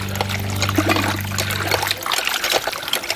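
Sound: water trickling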